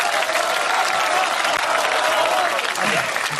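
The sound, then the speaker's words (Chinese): A studio audience on China Central Television claps to vote for Jia Xuming to be the one taken along, a dense, steady burst of applause that holds at full loudness for a few seconds, a continuous crackling wash of many hands with a faint murmur of voices beneath. “让人观众的掌声做评判，人家掌声谁激烈带谁去。”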